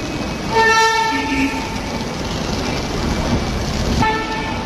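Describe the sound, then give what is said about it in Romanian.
A train rumbles steadily at a railway station, its horn sounding a short tonal blast early on and again briefly near the end over the continuous mechanical noise of the railway. “Adică nu chiar acasă, în gară.”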